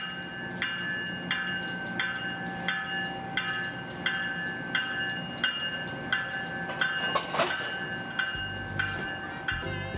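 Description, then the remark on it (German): The Crescent passenger train, hauled by an AEM-7 electric locomotive, rolls out of the station on time with a steady, evenly spaced clacking and a sustained metallic ringing over low rumble, a deeper rumble swelling near the end; no voices. “Pünktlich auf die Minute verlässt der Crescent den Bahnhof.”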